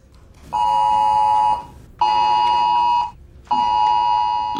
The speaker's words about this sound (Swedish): Det där är det nya ljudet som kommer ljuda från din telefon när någonting allvarligt sker, när det skickas ut ett viktigt meddelande till allmänheten.